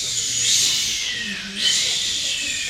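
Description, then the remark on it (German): A voice imitates waves on a beach with a breathy, hissing "shhh" that swells, fades briefly, then surges again, like two waves rolling in. “So Wellen, die in einem Strand stoßen. Was machen denn Wellen? Genau. Gebt uns mal die Welle.”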